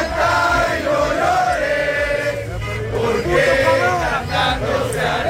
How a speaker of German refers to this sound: Ja, also freundliches Singen, aber auch Hupen. Feuerwerk. Oh Gott. Sie haben auch skandiert, Ecuador wird nicht schlafen.